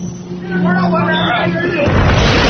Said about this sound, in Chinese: 7月，辽东湾，渔民启动渔船，点着祈福的鞭炮，震耳的声响显得码头更加热闹。